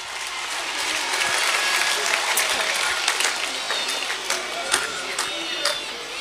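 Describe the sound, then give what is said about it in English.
A crowd at Mayo GAA's 2026 All-Ireland champions celebration applauds Mayo GAA chairman Seamus Toohey on stage, dense clapping filling the whole stretch with scattered cheers and whistles rising above it, loud and sustained without pause. “Ladies and gentlemen, will you give Mayo GAA chairman Seamus Toohey a huge round of applause?”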